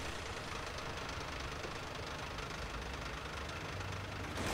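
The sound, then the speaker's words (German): A tow truck engine rumbles steadily, a continuous dense drone with a faint knocking texture that swells slightly at the very end as the truck pulls away, heading to Neunkirchen to collect cars from a four-car accident. No voices. “Ja, jetzt fahren wir von hier weg, ab nach Neunkirchen und gehen dort mal erst ein paar Autos einsammeln.”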